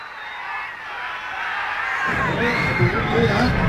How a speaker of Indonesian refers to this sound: Sampun didengarkan bersama nih, inge. Sorak gemuruh penonton, inge.